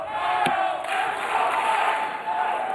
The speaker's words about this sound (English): And you hear the crowd, the allegiance kind of split right down the middle.